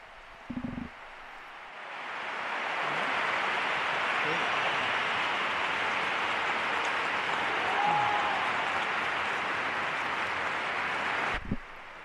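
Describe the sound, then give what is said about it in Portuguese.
A large audience of the faithful, rising to their feet after the Pope's words to the Church of Madrid, breaks into applause that swells over a couple of seconds, then holds as a dense, steady roar of clapping before cutting off abruptly. “Os aplausos, então, depois das palavras do Santo Padre, os fiéis, inclusive, colocam-se de pé após ouvir o pontífice com belíssimas palavras para a Igreja de Madrid.”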